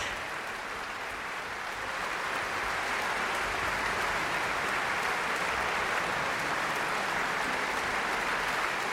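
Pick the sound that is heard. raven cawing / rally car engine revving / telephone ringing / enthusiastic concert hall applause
enthusiastic concert hall applause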